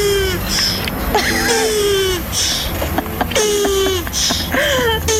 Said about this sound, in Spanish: Es una tortuga montando a otra tortuga y se está corriendo, está manteniendo sexo con la otra tortuga y ese es su orgasmo.